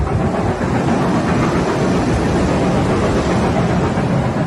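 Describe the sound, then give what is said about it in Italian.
A steam train approaches along a railway in Italy, its steam rising among the trees, rumbling in a dense, steady roar heavy in the low end, with a rough, chugging texture and no voices over it. “Da lontano vedo il vapore che spunta tra gli alberi, deve essere lo steam train di cui mi hanno parlato all'ufficio del turismo.”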